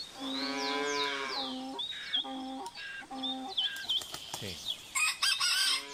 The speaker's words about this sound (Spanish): Dime otro animal de granja. Aparte de, o sea, tenemos el gallo.